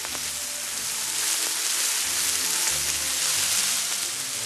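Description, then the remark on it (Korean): Jirisan bracken stir-frying in fat from Jirisan black pork belly on a Jirisan stone from Macheon gives off a steady, dense sizzle, a continuous bright crackling hiss with tiny pops, holding an even loudness throughout with no voices. “고사리는 돼지기름에 이렇게 돼지기름에 이렇게 볶으면 맛있어요.”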